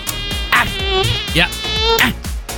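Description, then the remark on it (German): A continuous mosquito whine, loud and nasal, wavering in pitch and swelling slightly in bursts as if the insect darts about; no talking. “Da war so eine. Eine Mücke.”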